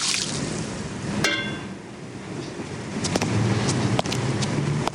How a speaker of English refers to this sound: Outside at night, Seymour empties water from tin flower containers.